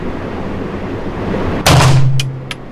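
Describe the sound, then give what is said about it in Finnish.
A single sharp rifle shot bursts out of steady background noise and leaves a low ringing hum, followed by a few light, bright metallic clinks of a spent cartridge case landing. “Ja siis toi hylsyn kilahdus.”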